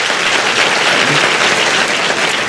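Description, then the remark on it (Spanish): A crowd bursts into steady, loud applause, dense overlapping claps filling the whole clip without a pause and with no voices standing out. “Si usted quiere, aplauda.”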